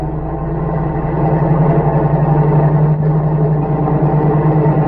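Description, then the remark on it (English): The engine of a car driving without lights as it approaches and speeds past rumbles loudly and steadily, a low droning hum that swells slightly after the first second and then holds without fading. No voices are heard. “Wait, there's a car coming. Without lights.”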